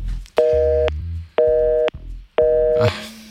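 A telephone busy tone after a dropped on-air call to a Radio Študent show: three loud, steady beeps of equal pitch, evenly spaced with short gaps, ending in a brief burst of noise.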